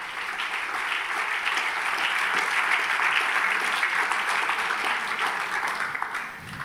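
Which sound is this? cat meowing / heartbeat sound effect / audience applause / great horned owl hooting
audience applause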